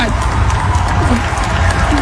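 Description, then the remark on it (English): A loud, dense crowd at a church cheers and shouts while heavy feet stomp in a steady, rapid rhythm, the thumping and voices blending into a continuous roar. “There he is, stomping his feet, jumping around.”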